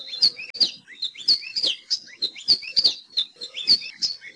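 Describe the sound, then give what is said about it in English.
An Alauahio, a tiny Hawaiian bird about 4.5 inches long, sings its warbling song: quick, bright, high-pitched chirps repeated in a steady, bouncing rhythm, about two or three notes a second, clear and unaccompanied by any voices. “Nowadays, the best place to see Aloha Iyo and hear their warbling song is at Hosmer's Grove at Haleakala National Park and also Polipoli State Park.”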